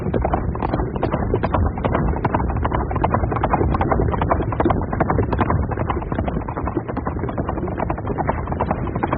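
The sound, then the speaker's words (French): Horses gallop hard and steadily along a winding track, their hooves pounding in a fast, dense, unbroken clatter that stays loud throughout, with no voices. “Ils galopent à tombeau ouvert le long d'une piste sinueuse.”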